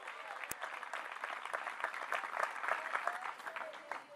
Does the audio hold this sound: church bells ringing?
no